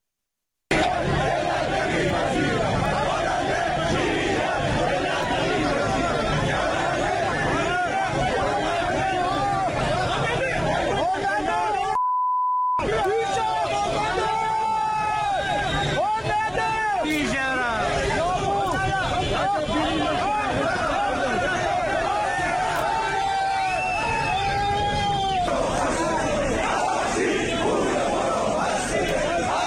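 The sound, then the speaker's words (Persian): A large crowd of protesters who lost money in heavy-vehicle import schemes chants and shouts together in loud, overlapping waves of voices in front of the Ministry of Industry, Mine and Trade building in Tehran, with a brief cut of silence partway through before the rowdy chanting resumes just as intensely. “این تجمع امروز مقابل ساختمان وزارت صنعت، معدن و تجارت در تهران برگزار شد.”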